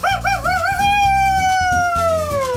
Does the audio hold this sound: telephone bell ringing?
no